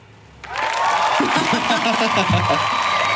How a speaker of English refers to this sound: Thank you to all the people in the room that have just come in here and applauded us. Lovely. Pushing your own applause button, that's... that's a bit lavish.